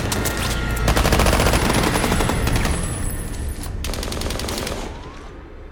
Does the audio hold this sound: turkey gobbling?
no